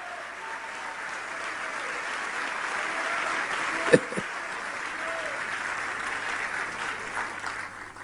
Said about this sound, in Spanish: Vamos a darle un fuerte aplauso al Señor Jesucristo. ¡Aleluya! ¡Amén!